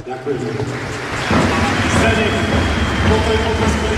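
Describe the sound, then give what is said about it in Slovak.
A large arena crowd in Trenčín applauds at Zdeno Chára's farewell match, giving a final ovation for his late father: dense clapping merging into a steady roar that swells noticeably louder after about a second and holds strong until the end, with faint voices mixed in. “Rádi bychom vás poprosili o poslední potlesk pro jednoho z našich hostí, který se nemohl dostavit.”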